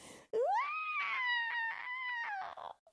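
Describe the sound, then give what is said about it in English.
A loud, drawn-out wailing scream from a single voice, sharply rising in pitch and then sliding slowly downward for a couple of seconds with a rough, strained quality, acting out the witch's scream as she melts after Dorothy soaks her with a bucket of water. “Screamed the witch. She began to shake and melt away at the edges.”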